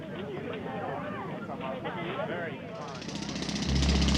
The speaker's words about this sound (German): Seit etwa 1 Uhr heute Nacht rattern die Pressluftbohrer und bohren einen Graben quer durch die Ebertstraße hier am Brandenburger Tor.